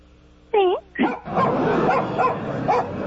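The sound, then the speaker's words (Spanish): A small dog gives two sharp, high yips, then keeps barking and yapping excitedly, with voices mixed in underneath. “¿Un perrito de veras?”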